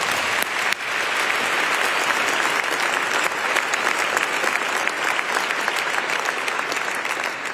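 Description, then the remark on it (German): An audience applauds steadily, a dense crackle of many hands clapping at a constant loud level for several seconds after a brief quieter start. “Nochmal einen Applaus.”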